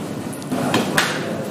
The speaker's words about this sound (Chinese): 敲击鹅身，随着铿锵有力的声音浮现